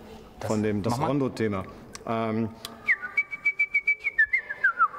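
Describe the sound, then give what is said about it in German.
A person talks briefly, then a bright whistled melody, the Rondo theme, follows alone, a quick run of short, evenly pulsed notes stepping up and down before sliding lower at the end. “Der kleine Vogel, den Mozart hatte, der hat immer das Rondo-Thema gepfiffen.”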